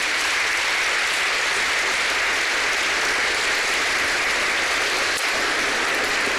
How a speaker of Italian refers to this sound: e qui anche con noi un'orchestra giovanile meravigliosa e un coro ecumenico. Facciamo un applauso anche a questa orchestra.